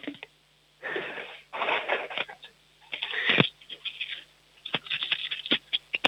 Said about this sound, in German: Jetzt wollen wir noch die Münzen hören. Hast du Kleingeld? Hol mal aus Mamas Geldtasche schnell ein paar Münzen und wirf sie auf den Tisch.